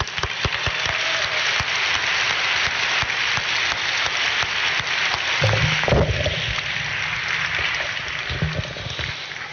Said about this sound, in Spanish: ¡Gloria a Dios! Un fuerte aplauso por el Señor.